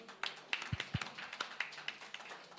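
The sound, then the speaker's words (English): An audience applauds with a steady patter of many hands clapping, moderately loud and sustained throughout, with a couple of dull low thumps early on and no talking. “Maybe we can give a round of applause.”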